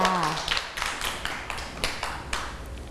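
Children in a class clap for a classmate at the teacher's request, a loose, uneven burst of sharp, bright claps that keeps going steadily for a few seconds, with a brief voice at the very start.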